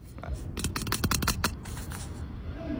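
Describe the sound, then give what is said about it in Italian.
A new tennis ball tube being opened: a quick burst of sharp, crackly clicks and scratchy tearing, like a seal peeling away, then a softer steady rustle as it settles. “Questo è il rumore del tubo delle palle da tennis nuovo appena viene aperto.”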